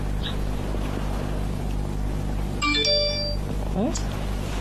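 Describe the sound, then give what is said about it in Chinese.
A brief electronic phone ringtone chimes a few quick tonal notes over a steady low engine rumble, standing out clearly for about a second before fading back into the drone. “哎，怎么给你打电话不给我打呀？”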